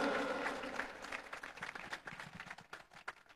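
A crowd breaks into sustained applause for their board of directors, many hands clapping in a dense, steady patter that holds for a few seconds, with faint voices mixed underneath.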